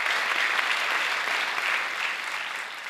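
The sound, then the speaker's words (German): Polite, somewhat thin welcoming applause from the audience at a first symphony concert titled 'Aufbruch', as Marco Comin bows and greets the audience and orchestra; a steady patter of clapping hands that holds evenly throughout without cheers or voices. “Unsere Reporterin Katharina Spätmann war dabei und hat gleich mal den Begrüßungsapplaus aufgenommen. Der war noch ein bisschen schwach.”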